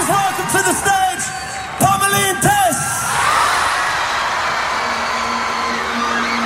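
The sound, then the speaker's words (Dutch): A large crowd at a music festival screams and cheers wildly as a surprise guest joins a band on stage, with shrill whoops and shouts rising in the first three seconds before settling into a dense, sustained roar of applause and cheering. “Hoor ook hoe dat publiek schreeuwt.”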